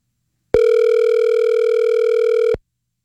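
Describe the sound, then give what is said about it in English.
A single steady electronic ringback tone sounds for about two seconds, loud and clear with no voices, starting and stopping abruptly, as someone places an outgoing call to their own phone. “Do I get voicemail for calling my own phone?”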